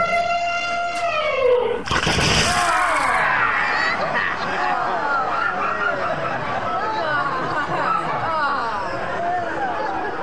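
A big elephant trumpets in a loud, brassy blast lasting about a second after a short rising and falling tone, then excited crowd chatter and laughter fill the rest.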